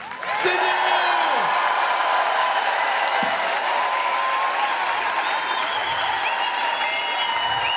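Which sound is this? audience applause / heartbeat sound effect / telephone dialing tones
audience applause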